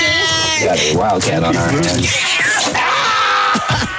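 A cat named Pinky, up for adoption, meows loudly and insistently, several drawn-out, wavering cries running together over about four seconds.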